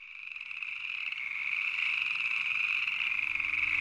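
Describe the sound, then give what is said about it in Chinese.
A dense, continuous chorus of frogs croaking together at night at Nanniwan, China, steady and fairly loud, filling the night air with overlapping trilling calls and no voices. “南泥湾的夜晚，听着蛙鸣四起”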